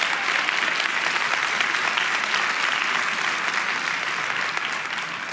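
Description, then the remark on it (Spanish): An audience applauds steadily and energetically, a dense wash of many hands clapping at once that holds at a constant loud level throughout, with no voices standing out. “Vamos, iglesia, si alguien va a aplaudir, tiene que hacerlo con ganas el día de hoy.”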